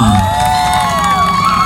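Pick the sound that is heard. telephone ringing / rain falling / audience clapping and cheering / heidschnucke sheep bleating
audience clapping and cheering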